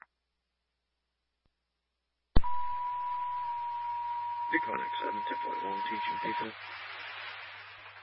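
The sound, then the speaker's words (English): Second emergency dispatch paging alert tones for an EMS code call: a loud, steady electronic tone holds for about four seconds over crackling radio static and low hum, with a muffled voice briefly breaking through near the end. “EMS 4-4, these are your second tones.”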